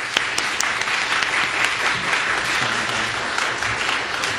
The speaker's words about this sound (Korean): 여러분 나오실 때 큰 박수로 맞이해 주시기 바랍니다.